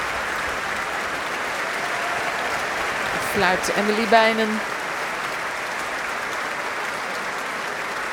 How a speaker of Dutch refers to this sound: Applaus nu ook voor de verschillende muzici.